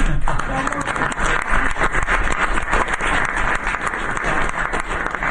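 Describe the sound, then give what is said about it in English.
Members of the press burst into sustained applause, dense overlapping claps at a steady loud level throughout, with a few murmuring voices mixed into the crowd noise. “That was the press that broke out in applause.”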